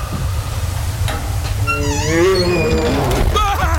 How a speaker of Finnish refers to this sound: Karhu!